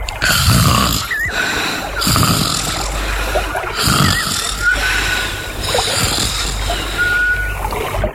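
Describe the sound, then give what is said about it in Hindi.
Bhoobhoo, a character in a children's story, snores loudly after drinking sweet flower nectar, in a steady rhythm, about four or five rumbling snores roughly two seconds apart, with a thin whistly tone between breaths and no talking. “भूभू खर्राटे लेकर सो गया।”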